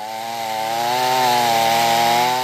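A chainsaw roars, its engine holding a steady, buzzing whine with slight wavers in pitch as it cuts through wood, as residents clear flood-borne branches and trunks along the Iudrio river at Ruttars, Dolegna del Coglio, Friuli Venezia Giulia; loud and continuous with no voices.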